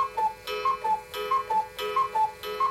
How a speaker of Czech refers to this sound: A že jsme z jedné rodiny, zdědili jsme po dědečkovi jedny kukačkové hodiny.